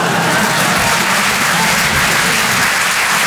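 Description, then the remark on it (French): An audience applauds steadily after a performer says he has just had his second child, a dense wash of many hands clapping at constant loudness for a few seconds with no pauses or talk. “Non, n'applaudis pas.”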